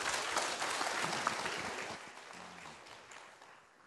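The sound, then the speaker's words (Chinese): An audience claps steadily in welcome for a speaker who is to present a paper, a dense wash of many hands that stays loud and even before gradually thinning and fading toward the end, with no voices over it. “好，我们把鼓掌欢迎，谢谢他。”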